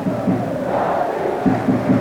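A football crowd of Marítimo supporters roars steadily while chanting "Marítimo, Marítimo", the loud, rhythmic repeated calls rising above the constant din of many voices, in the 85th minute of a Marítimo versus Benfica match with Benfica leading 3-0.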